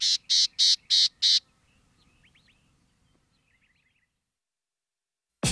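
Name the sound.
gnatcatcher calls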